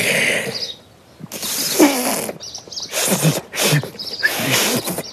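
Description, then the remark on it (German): Someone tries to whistle a bird alarm call: several breathy, hissing blows of air with no clear whistle tone, each a broad noisy rush lasting under a second, separated by short pauses. “Also, wie ein Pfiff klang das nicht.”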